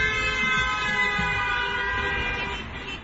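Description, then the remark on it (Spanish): A car horn blares in one long, unbroken blast, loud, holding a steady brassy tone for about three seconds before easing slightly at the end. “En 1914 llegó el claxon eléctrico y la evolución siguió hasta las bocinas que conocemos hoy y disfrutamos hoy en día.”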